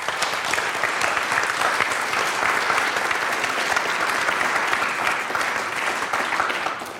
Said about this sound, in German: Also vielen Dank und vielleicht haben wir für die Kolleginnen und Kollegen noch einen kleinen Applaus.